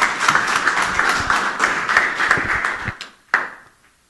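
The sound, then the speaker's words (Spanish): An audience breaks into dense, steady applause for a UGEL specialist teacher being handed the microphone, holding for about three seconds, then quickly dying away, with one last sharp clap ringing out before silence. “Escuchamos, por favor, fuertes aplausos.”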